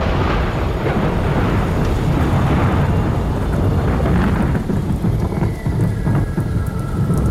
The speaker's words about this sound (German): Dann, wie aus dem Nichts, goss es wie aus Kübeln.